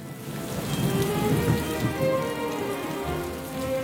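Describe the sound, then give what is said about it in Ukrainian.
Heavy rain pours down steadily in a dense, continuous hiss, with a low rumble of thunder rolling underneath throughout. “Не встиг наш сміливець ускочити в ліс, як у горі блиснуло, загуркотіло і пішов рясний дощ.”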